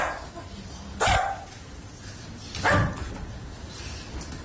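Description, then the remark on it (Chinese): A person imitates a dog with two loud, sharp barks spaced more than a second apart, set against a faint background hum with no talking. “你好，请问你是怎么变成一条狗狗的？”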